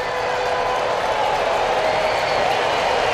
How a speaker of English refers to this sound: Sellout crowd coming to life. Waving red pom-poms. That was the handout tonight.